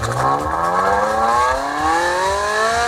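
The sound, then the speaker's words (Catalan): A Ferrari petrol sports car engine revs up hard, its pitch climbing steadily in a loud, continuous roar with rising harmonic whine, without any talking. “Així sona un Ferrari normal”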